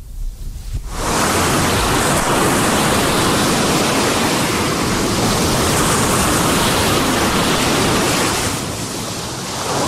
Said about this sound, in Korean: 철썩, 철썩. 파도마저 결정을 재촉했다.